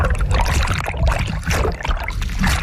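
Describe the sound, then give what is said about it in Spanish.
A loud splash as people get into the sea, followed by continuous underwater churning and bubbling that fills the whole moment, with no voices. “Venga, nos metemos en el agua.”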